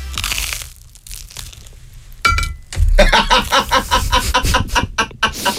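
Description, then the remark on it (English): Loud crunching of someone biting into a heavily buttered bagel that is not soft at all, followed by a run of rapid, crackly chewing crunches in quick rhythm, with no talking. “Anyway, this is not soft at all. Listen to the crunch.”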